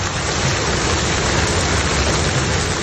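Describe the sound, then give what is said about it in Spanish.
Torrential rain from a summer storm with hail and wind pours down in a dense, continuous roar, loud, with a steady hiss of water hammering surfaces throughout and no voices. “Las clásicas de verano, cielos negros, viento, granizo y lluvias torrenciales hicieron multiplicarse los vídeos en redes sociales publicados por usuarios alarmados por el fenómeno.”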